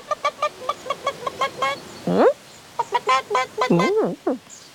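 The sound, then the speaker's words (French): A mother hen clucks in quick, repeated bursts, with a couple of longer rising squawks in between, running about and calling her yellow chick; fairly loud, with no other sounds around it. “Tu as reconnu ce son? C'est une poule.”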